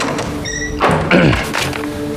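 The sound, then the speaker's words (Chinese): A door opens with a short scraping, creaking sweep and a soft thud as someone walks in without knocking, set against a quiet steady hum; no one speaks. “怎么进来也不敲门也没规矩。”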